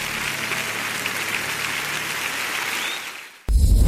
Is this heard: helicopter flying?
no